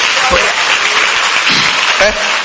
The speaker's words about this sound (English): Clap for Jesus. Simple prayer like that.